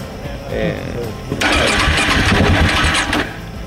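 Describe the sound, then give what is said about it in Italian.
A KTM motorcycle engine, giving problems again despite maintenance, cranks over and over without catching on the way from the city of Mérida toward the sea, a harsh whirring starter burst rising after a short lead-in, fairly loud. “Malgrado la manutenzione fatta ai mezzi, la KTM di Marco dà nuovamente problemi.”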